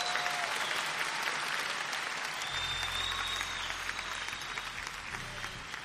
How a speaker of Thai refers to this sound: ขอเสียงตบมือด้วยครับ